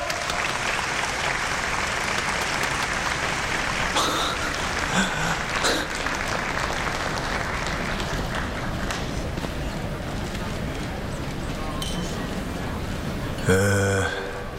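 Sustained warm applause from a large crowd of guests welcoming a speaker onto the stage to give a speech, a dense steady clatter of many hands clapping that continues at an even level throughout, with a brief louder swell near the end.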